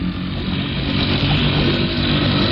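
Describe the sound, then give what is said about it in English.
A steady, loud outboard motorboat engine drones without letup as the boat pulls around near General Ben's place, its low buzzing hum filling the whole stretch with no voices over it. “I'll give her the gun a little and then pull out the motor so we don't foul the propeller”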